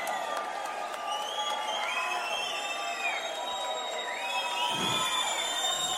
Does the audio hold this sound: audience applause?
yes